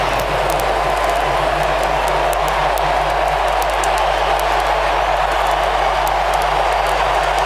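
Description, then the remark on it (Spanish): A stadium crowd applauds as Lionel Messi comes on as a substitute for Argentina, in a loud, steady wash of noise with scattered sharper claps over a low, constant rumble and no one speaking. “Muy aplaudido para el ingreso de Lionel Messi.”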